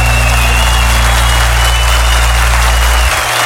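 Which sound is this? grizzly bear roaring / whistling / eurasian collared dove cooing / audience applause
audience applause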